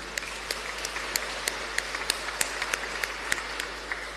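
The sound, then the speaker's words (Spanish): A group applauds the children who read at the liturgy, with a light, steady patter of claps, individual sharp claps standing out at a fairly even rhythm over a soft background hiss, with no voices. “Entonces, le animamos a ellos con aplauso.”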